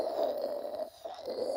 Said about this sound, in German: Sie kennen bestimmt das klassische Schraubkannensystem. Wenn das Wasser heiß genug ist und durch das Pulver hochgedrückt wird, dann hört sich das so an.